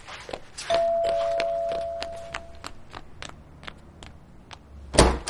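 A steady series of footsteps walks under a brief ringing chime, ending with a louder thunk and rattle as a door is opened for a Pizza Hut food delivery. No one speaks.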